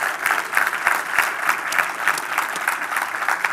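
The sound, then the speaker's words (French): A church audience applauds steadily to welcome two churches from Terrebonne and Saint-Eustache that are joining the service. A dense crowd of clapping hands is sustained at an even level throughout, with no voices rising above it. “Est-ce qu'on peut les accueillir par une bonne main d'applaudissement?”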